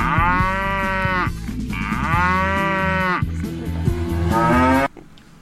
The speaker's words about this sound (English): Here we go with cow number two.